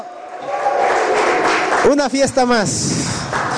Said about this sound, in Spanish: Demos un aplauso poderoso a Jesús. Un grito de júbilo.